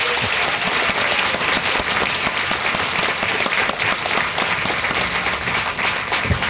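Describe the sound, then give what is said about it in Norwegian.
Warm applause from an audience in Gudbrandsdalen welcoming Icelandic author Hallgrímur Helgason: a steady dense patter of many hands clapping at an even loudness for several seconds, with no voices over it. “Gi også Hallgrímur Helgason en varm applaus.”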